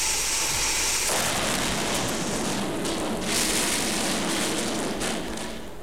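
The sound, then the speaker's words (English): Sausages sizzle loudly in a hot frying pan, a dense crackling hiss that swells after the first second and carries on steadily to the end, with no voices. “Well, I will just pop them into this nice boiling hot frying pan.”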